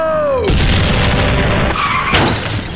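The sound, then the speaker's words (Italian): A descending whistle leads into a loud, crashing blast that rumbles on, followed by a second heavy explosion near the end, like cannon fire pounding, as a ship's cannons fire. “Iniziano a bombardarlo e finisce sbalzato fuori dalla macchina finendo a nuotare sull'asfalto.”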